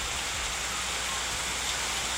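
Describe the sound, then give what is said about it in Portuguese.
Steady rain falling, a continuous soft hiss of drops with an even, unbroken texture, moderately loud, with no voices. “Ó, escuta aí, gente, o barulhinho da chuva.”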